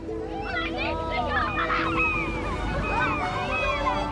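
Seagulls circling over a beach, with the sun low over the horizon, cry out again and again, several harsh, rising-and-falling calls overlapping one another above a steady low rush of background noise, like surf.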